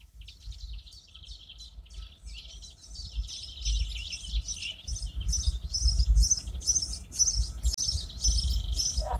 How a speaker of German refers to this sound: die Vögel werden wach.